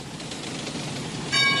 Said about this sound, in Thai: ที่นี่สถานีรถไฟพัทลมท่านที่จะเดินทางไปกรุงเทพกรุณาตรวจดูสิ่งของสัมภาระของท่านให้เรียบร้อยการรถไฟแห่งประเทศไทยขอขอบคุณทุกท่านที่ใช้บริการสวัสดีค่ะ